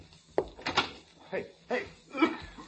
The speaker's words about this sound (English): Open the door to the hall.